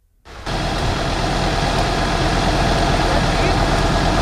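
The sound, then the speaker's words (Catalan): Ambience of firefighters putting out a fire at a paraffin and wax factory in Òrrius, Maresme: a loud, steady roar of running engines and pumps with a broad hissing rush, starting abruptly and holding at an even level throughout. “Aquest és l'ambient de les tasques d'apagada del foc en un vídeo compartit pels propis bombers.”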